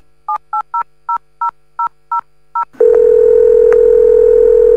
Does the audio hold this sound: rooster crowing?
no